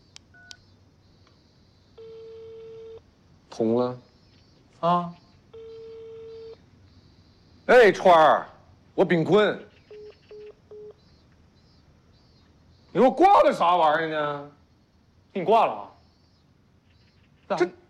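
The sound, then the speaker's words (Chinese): A mobile phone call gives several long, steady ringback tones, then a quick run of short dialing beeps, with people's voices cutting in between the tones. “你用你手机打一下。你给我电话。”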